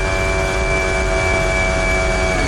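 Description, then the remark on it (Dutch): Onboard sound of Oscar Piastri's Formula One car: the engine screams at a steady high pitch, its sustained harmonic whine holding constant over a loud, dense rumble with no speech. “Onboardgeluid van Oscar Piastri.”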